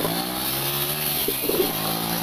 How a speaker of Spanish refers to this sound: Ahí estamos andando en moto.